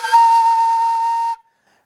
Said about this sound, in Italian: un pezzo di canna con alcuni buchi. È molto semplice, come vedete qua, non ha niente, non c'è un ancio, non c'è niente, è un tubo e il suono si produce nella bocca. Nei paesi arabi e in Turchia si fischia dentro questo flauto, così in questo modo.